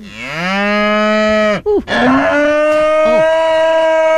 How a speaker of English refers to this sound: Okay, I don't know what you did to that cow, but whatever.